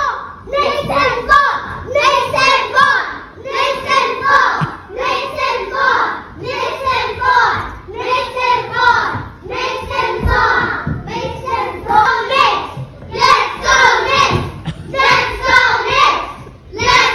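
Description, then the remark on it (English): A crowd of children loudly chants and cheers about the Knicks in a classroom, voices rising in steady rhythmic bursts about once a second, with hand claps mixed into the repeated cadence. “Our kids are all cheering about the Knicks.”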